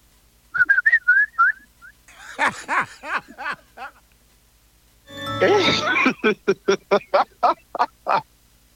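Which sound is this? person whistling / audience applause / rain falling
person whistling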